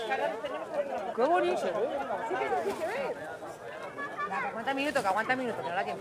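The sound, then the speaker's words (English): A crowd of people watching an eclipse low on the horizon calls out and cheers excitedly, many overlapping voices in a steady loud wash of chatter and exclamations that swells and dips without pause. “You may have heard cheers around me.”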